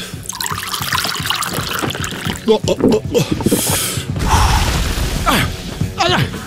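Water trickles and pours into a glass, with short clinks and sloshes, followed by a few quick swallowing sounds as someone drinks.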